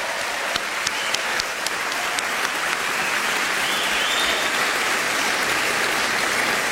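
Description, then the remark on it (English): Sustained applause from an audience for four jazz masters at an event in Los Angeles, a dense wash of many hands clapping at steady loudness for several seconds, with a few sharper individual claps standing out early on. “Let's have some applause for all four of our jazz masters.”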